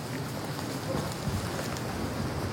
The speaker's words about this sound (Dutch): Er staat hier een stevige wind. We lopen nu op het kale strandje.